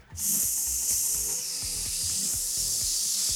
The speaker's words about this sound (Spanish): El globo. Desinflándose.